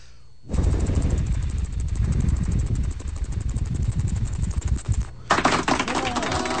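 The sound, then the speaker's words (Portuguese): A voice imitates a helicopter as an entry in a sound-imitation contest on a radio show, a loud, rapid, rhythmic sputtering drone of breathy low thumps for about four seconds, followed by a brief burst of different vocal sound. “Posso fazer meu helicóptero? Sério? Você faz helicóptero? Faço helicóptero.”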